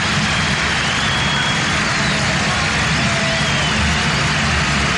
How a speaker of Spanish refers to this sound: Si ustedes piensan que este aplauso cerrado tiene que ver con el equipo argentino que goleó por 7-0, se equivocan.